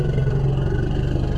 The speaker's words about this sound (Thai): อันนี้จะคล้ายๆลักษณะจังหวะของมอเตอร์ไซค์ที่ผ่อนเครื่องหรือแม้กระทั่งเพิ่งเริ่มสตาร์ทเวลาที่ช้างถูกผู้ล่าคุกคามก็จะส่งเสียงลักษณะคล้ายจังหวะคล้ายๆเสียงรถมอเตอร์ไซค์เหมือนกัน